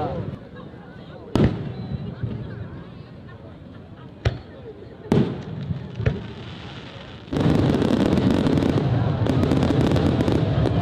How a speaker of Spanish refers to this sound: Yo vi los últimos cohetes y la verdad estoy impresionado del despliegue. Mira, ya hay más. Impresionante.